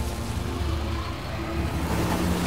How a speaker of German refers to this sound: Unser frisch gewaschenes Auto. Achtung, einmal durch die Schlammpfütze. Daumen drücken, dass wir nicht stecken bleiben.